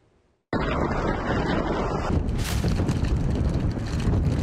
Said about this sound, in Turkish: Çok rüzgar estiği için minaremiz sallanıyor. Şu anda aşırı bir ses de geliyor, gıcırtılı bir şekilde. Minare sağlam değil yani.